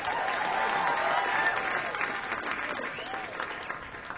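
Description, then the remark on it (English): A crowd at a live jazz concert applauds the horn players steadily for several seconds, a dense wash of clapping with a few faint whistles and cheers, fading slightly toward the end. “And give it up for the horns.”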